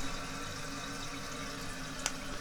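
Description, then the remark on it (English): Steady rushing hiss of water flowing through the open valve into a toilet tank as it refills after a flush, a continuous wash of sound with a single brief splashy tick near the end, no voices. “The valve is open and the tank is filling.”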